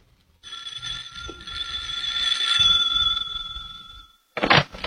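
A house doorbell, rung by a man, rings in one long, steady electric peal lasting several seconds, loud, then cuts off; a short noisy rattle follows right after.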